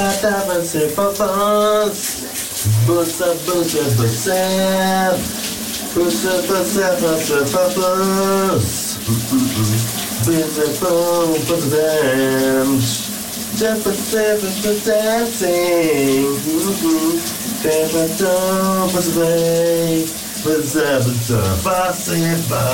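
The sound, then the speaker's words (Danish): A man sings a melody loudly and continuously in the shower in the morning while the shower runs underneath, its steady hiss of spraying water filling the background throughout. “lige her på VLR, at du også får dit daglige morgenbrusebad om eftermiddagen, for vi skal da lige igen høre, hvordan det lød, da vores kollega”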